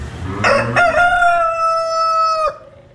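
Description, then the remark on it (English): A rooster crows once in the barn at the 164th Agricultural Fair in West Isbury, a loud harmonic call that opens in a couple of rough bursts, then holds a long steady note before cutting off, with faint barn noise underneath. “And as you can tell, as you likely can tell, we are in the barn now.”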